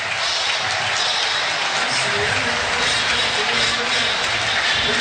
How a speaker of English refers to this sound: And that should do it as Virginia fans applaud here in the first half.